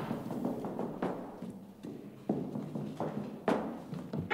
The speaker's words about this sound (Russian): Ой, осторожнее! Вы же чуть не убили меня. Эх, простите, дверь тяжелая. Не удержал, спешу.